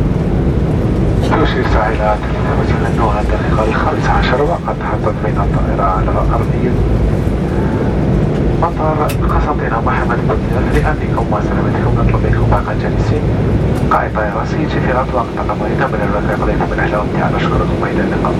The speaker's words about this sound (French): Il est à présent 15h passées de 15 minutes et nous venons tous nous poser sur l'aérodrome de Constantine Mohamed Bouzif.